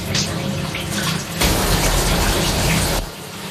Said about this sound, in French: Voilà, là, il se rince, là. C'est foutu du gel douche et du shampoing un peu partout.